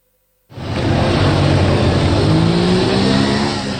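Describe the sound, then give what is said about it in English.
After a brief silence, a motorbike engine roars loud by the side of a street, revving steadily with a rising pitch that holds through to the end. “Sat on a motorbike by the side of the street with an assault rifle in his lap, we meet one of the men authorities are turning to help combat the bandit problem.”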